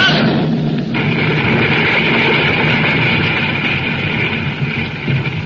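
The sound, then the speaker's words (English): A loud, continuous rumbling roar of the earth splitting open in an earthquake, dense crashing and grinding with explosive bursts blended in, sustained at full force throughout, with no voices. “Those explosions, they're dying down.”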